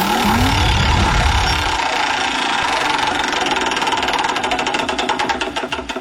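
A prize wheel spins with a dense, rapid ratcheting clatter that gradually slows into distinct, spaced-out ticks as it winds down, following a brief low rumble at the start.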